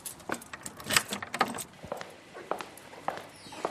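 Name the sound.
keys jangling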